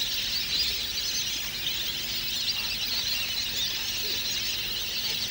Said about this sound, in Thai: บึงน้ำเล็กๆที่สงบเงียบภายในมหาวิทยาลัยเกษตรศาสตร์วิทยาเขตกำแพงแสนแห่งนี้จึงเต็มไปด้วยนกเป็ดน้ำนานาชนิด